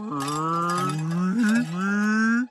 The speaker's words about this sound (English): Oh, no. Why do cows keep coming here to play all of a sudden? Well, maybe there's something here they really like.